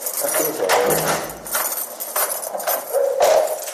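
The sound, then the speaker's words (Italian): Keys jangle with a bright metallic clinking while footsteps fall in a steady rhythm, about four sharp, echoing steps ringing down a corridor of an institution fenced with wire and gates among the vineyards of the Mendrisiotto, with no talking. “Tric-trac di chiavi, passi che risuonano nei corridoi.”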